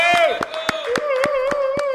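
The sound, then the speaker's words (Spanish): Steady, rhythmic clapping in unison, about four claps per second, sounds close and loud, while a sustained, tuneful voice holds a long note over the beat. “Vamos a dar un fuerte aplauso al señor José María Álvarez”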